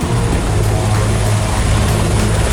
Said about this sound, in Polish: Akcja gaśnicza z wykorzystaniem helikopterów prowadzona jest w 6 miejscach, w tym na terenie rezerwatu przyrody Deli Blacka Peszczara na wschodzie kraju. Ogień objął tam już ponad 700 hektarów lasu i zbliżył się do zabudowań.